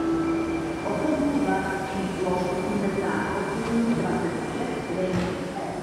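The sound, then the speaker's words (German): Steady, dense rumble of trains heard from a pub inside Masarykovo nádraží, a railway station in central Prague, with sustained tonal whines and squeals drifting in and out and a faint murmur of voices underneath; the pub is full, as every evening. “Eine Kneipe im Masarykovo nádraží, einem Bahnhof mitten in Prag.”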